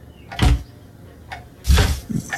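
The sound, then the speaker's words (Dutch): Cupboard doors are opened one after another as someone tries all the doors, each giving a short wooden clunk and rattle, with a second louder bang followed by a small knock near the end. “Dan maar alle deurtjes proberen.”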